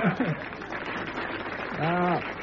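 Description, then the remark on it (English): Steady applause from vegetarians in the audience, a dense, even patter of clapping that holds throughout while a voice speaks briefly over it and lets out a drawn-out vocal sound near the end. “applause from the vegetarians in the audience, yes.”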